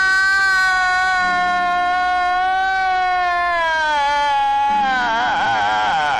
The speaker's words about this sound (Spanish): Ese puro llanto, mi amigo